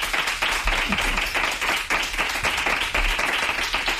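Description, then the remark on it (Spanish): Sustained audience applause for a guest, a pioneer of women's football and former Barça player, fills the whole stretch, a dense, steady wash of many hands clapping at once, loud, with no voices breaking through. “Un aplauso para María Teresa Andreu.”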